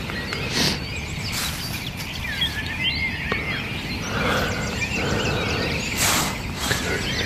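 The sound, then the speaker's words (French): Several birds, including thrushes, sing at once in a continuous outdoor dawn chorus at 6:30 a.m. before daybreak, with overlapping whistled phrases and chirps over a steady background hiss, brief louder bursts breaking through now and then. “Réveillé par les grives. Sachant que partout c'est encore plus impressionnant que le soir, le concert des oiseaux.”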